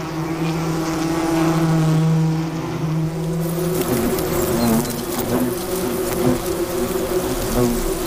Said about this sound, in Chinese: 捕猎的胡蜂通常是工蜂，他们不会自己享用猎物，而是会把猎物带回蜂巢拿去做交易。